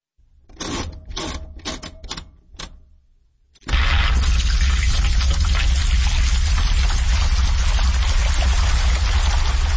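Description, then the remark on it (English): A household washing machine starts up: a short series of sharp mechanical clicks, then a loud, steady rush of water pouring in that continues without a break to the end. “This is a washing machine, and it's been turned into music.”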